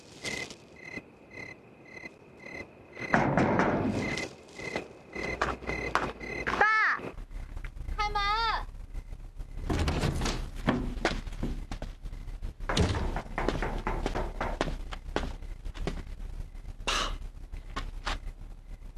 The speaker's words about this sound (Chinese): 外面有人敲门。